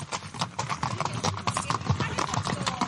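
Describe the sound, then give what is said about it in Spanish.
Horse hooves clip-clopping in a quick, steady rhythm, the clatter fairly loud throughout, with a busy, slightly echoing outdoor ambience behind it, from horseback riding in Andalucía, Spain. “te invitamos a conocer Andalucía de una forma muy especial, a caballo.”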